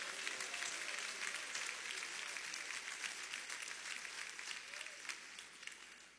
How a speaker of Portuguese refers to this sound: Palmas que glorifica a Deus.